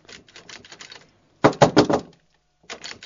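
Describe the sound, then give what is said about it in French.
Knocking on a door: a soft run of taps, then a loud burst of about four firm knocks, followed by a pause and a few more quieter raps. “Ouvre la porte, s'il te plaît.”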